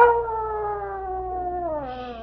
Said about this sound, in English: I hear a coyote.